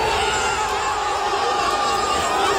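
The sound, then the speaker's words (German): A large crowd of football fans cheers loudly and continuously, celebrating their team reaching the World Cup round of 16, a dense roar of many voices with shouts mixed in, sustained without a break. “Großer Jubel bei den Fußballfans.”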